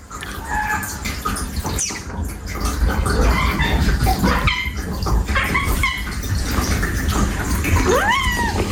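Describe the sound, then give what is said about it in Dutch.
A cat gives a string of thin, high-pitched meows and squeaky cries directed at a person, its owner, some rising and falling in pitch, over a steady wash of running water in the background. “Maar je hoort dus die kat hele hoge geluidjes maken naar het mens of zijn baasje.”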